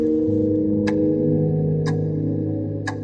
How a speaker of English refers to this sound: The clock ticks again, mocking me.